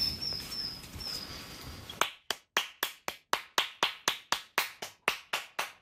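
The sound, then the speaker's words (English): After a couple of seconds of quiet outdoor ambience with faint bird calls, someone claps their hands sharply and steadily, about fifteen loud claps in a quick even rhythm, clapping to summon robins on Southeast Island. “We'll just walk along a little bit and we'll try and clap up some robins.”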